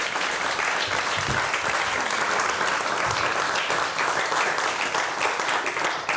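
Sustained applause from an audience at a competition prize ceremony for the first-prize winner of the oldest age group, steady and fairly loud throughout, many hands clapping at once with a dense, continuous texture and no talking over it.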